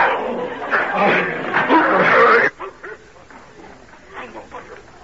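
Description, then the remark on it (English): A dog, Badger, barks and snarls while attacking a stranger amid a loud, chaotic scuffle, with people shouting over it and a man striking the dog with a stick; the commotion cuts off abruptly halfway through, leaving quieter voices. “What sort of a dog do you keep that he'll attack a perfect stranger in such a way?”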